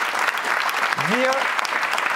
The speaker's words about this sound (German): Vielen Dank an all unsere Gäste. Ausdrücklich, genau, jetzt ist Zeit, noch mal zu klatschen.